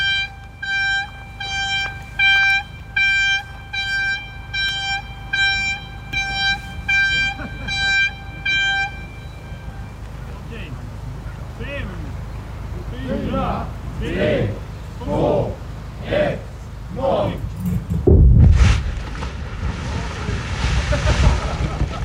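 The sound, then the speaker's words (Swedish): A warning horn sounds in a steady series of short, high toots, followed by scattered noise and then a single loud, deep blast explosion that trails off into a low rumble: construction blasting by the Swedish Armed Forces at their new building site at Rosenholm, marking its inauguration. “Och ja, Försvarsmakten, de tycker inte det är roligt att gräva, utan de vill spränga för att markera i den här staten då, byggstaten.”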